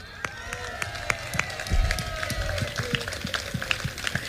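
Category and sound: crowd, audience applause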